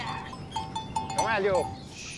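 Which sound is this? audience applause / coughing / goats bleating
goats bleating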